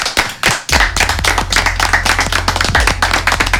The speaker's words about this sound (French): donc merci vraiment pour tout et on peut t'applaudir pour tout ce que tu nous as donné.